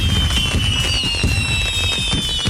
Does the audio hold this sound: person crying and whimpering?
no